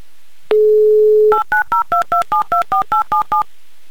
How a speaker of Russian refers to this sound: Давай-ка мы еще раз наберем, и, давай, может быть, все произойдет.